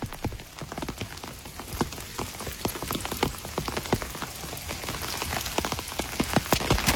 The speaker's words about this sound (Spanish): ¿Qué llueve, guacho?